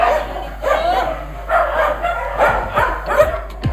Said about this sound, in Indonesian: Riuh gonggongan dari ratusan anjing di greenhouse terdengar dari greenhouse ini. Ada lebih dari 300 ekor anjing dan 100 ekor kucing yang berada di area seluas 1000 meter persegi